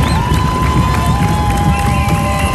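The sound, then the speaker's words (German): A loud, steady crowd din of many marathon spectators cheering the runners along a 42-kilometre course through the city, with a sustained whistle-like tone running through and no clear individual speech. “Hunderttausende werden wieder an der Strecke erwartet, die die Teilnehmenden anfeuern.”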